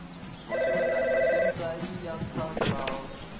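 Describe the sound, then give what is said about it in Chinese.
A landline telephone gives one loud, trilling ring lasting about a second. It then stops, leaving indistinct room noise and faint voices in the background. “要不咱把电话线拔了。”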